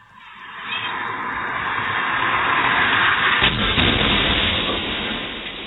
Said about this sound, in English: Crazy how fast that thing is going. The audio, especially when you know the ending, the audio is not the easiest of listens, but it gives you a sense for those who haven't seen the video how fast this car was going.